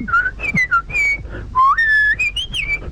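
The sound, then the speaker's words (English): A person whistles an imitation of the song of a bird heard in a tree in the countryside in summer: a quick run of about ten bright, clear notes that chirp and slide up and down in pitch, with short gaps between phrases and no talking. “I was just sitting out in the summer there and there was this bird in a tree and he's gone...”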